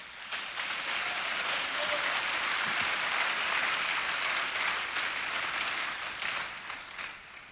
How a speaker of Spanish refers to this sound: Dele palmas al Señor.